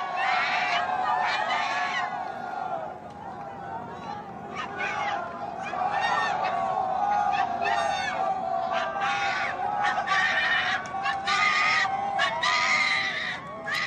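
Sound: enthusiastic crowd cheering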